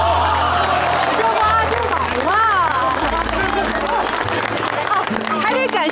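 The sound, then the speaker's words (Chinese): A crowd breaks into steady applause for a woman who foiled child traffickers, many hands clapping together, with voices and cheerful chatter rising over the clapping throughout. “让我们给这位沉着机灵有胆量的女同志鼓鼓掌。”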